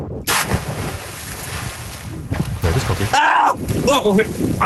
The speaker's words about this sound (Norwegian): Hopp i havet greit?